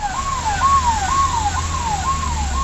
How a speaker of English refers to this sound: An ambulance races to the site of the blast.